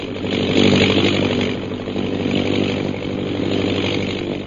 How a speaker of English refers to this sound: We join them now as their plane circles over the hill.